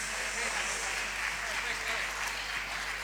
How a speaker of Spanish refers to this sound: Bueno, este año cumplen 66 años con la música. El grupo de mayor trayectoria en la provincia de Entre Ríos. Fuerte el aplauso para ….